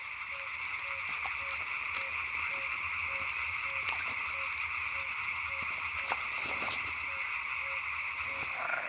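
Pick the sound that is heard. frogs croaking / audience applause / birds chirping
frogs croaking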